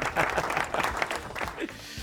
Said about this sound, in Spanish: A ver, un aplauso para toda esta gente hermosa que seguramente nos está escuchando.